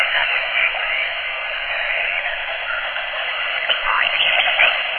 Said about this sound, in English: Something is transmitting through the static. Listen carefully.